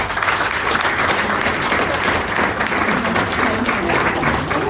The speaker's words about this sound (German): Na, dann gibt es natürlich erstmal einen riesigen Applaus.